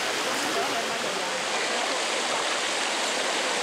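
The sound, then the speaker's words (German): Steady, rushing water pours continuously into a man-made pool at the natural hot springs of Bagni San Filippo, an old natural thermal bath, a dense, even hiss-and-splash that stays fairly loud throughout without pauses or changes. “Das sind ja extra so Becken hier angelegt, ne? Wenn man da reingeht. Ist schon verrückt. Ja. Und das Wasser wird dann gespeist.”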